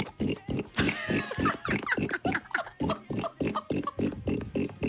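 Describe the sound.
A woman imitates a pig, making a rapid, steady run of loud oinking grunts with a brief squealing cry early on, and no ordinary speech.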